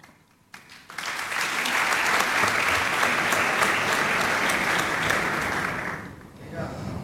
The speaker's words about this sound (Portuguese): Metade dessas palmas são para o Tiago Torres da Silva.